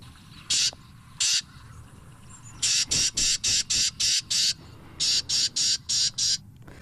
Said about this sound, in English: Is that the same bird? That is a Carolina Wren as well. Yeah, that is so, the same bird. Oh, man. That is, I think the bird is agitated when it makes that noise.